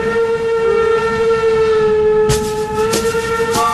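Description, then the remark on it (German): A train locomotive's steady, loud horn blares continuously while a few sharp metallic clanks punctuate it near the end, like rail cars rolling past. “Ihr erlebt beeindruckende Lokomotiven und dürft sogar mitfahren.”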